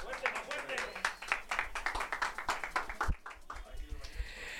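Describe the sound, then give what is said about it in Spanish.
A crowd claps in a steady, dense patter for about three seconds. A low thump follows, then the applause thins into a murmur of voices and scattered noise. “Bueno, el aplauso que se escuche, por favor.”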